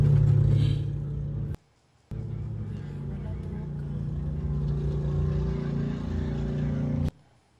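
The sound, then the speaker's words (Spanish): A car engine runs with a steady, loud low rumble at a gas station in Texas as agents pull the driver out of the still-running car, briefly cut off once before resuming and droning on until an abrupt stop near the end. “En medio del forcejeo, el auto, que seguía encendido, por poco se va solo.”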